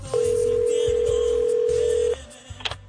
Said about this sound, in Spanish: Y de repente suena el teléfono.